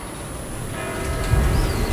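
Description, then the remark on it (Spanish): Church bells ring the hour at 8 o'clock with a sustained, resonant tone that swells in partway through, humming over a low rumble of background noise; no one speaks. “Son las 8. Mira, escucha las campanas.”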